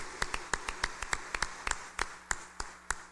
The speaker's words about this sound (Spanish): fuerte aplauso para los cumpleañeros.